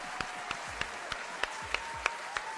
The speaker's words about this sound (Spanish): Un aplauso.